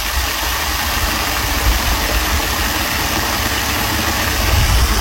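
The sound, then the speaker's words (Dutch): A waterfall in Park Bergen-Bosch roars with a steady, dense rush of water, full and loud from deep rumble to hissy spray, unchanging throughout with no voices. “De waterval in Park Bergen-Bosch.”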